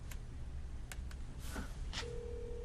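A telephone being dialed: several quick key presses sound, then a steady tone begins and holds to the end. Nobody speaks, and a faint low hum runs underneath.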